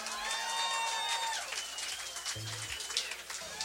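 An audience applauds steadily for a few seconds for the bass player at a live blues set on Mid-North Coast Live, 2BBB FM, a dense wash of clapping with a few sustained tones ringing over it and a brief voice near the end.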